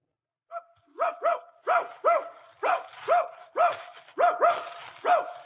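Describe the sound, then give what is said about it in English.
A dog named Hap barks excitedly in a rapid series of about ten sharp barks, some coming in quick pairs, as it sets off to hunt rabbits, with no talking. “Hey, dog, Hap! Hap, come on. Come on, let's go hunt.”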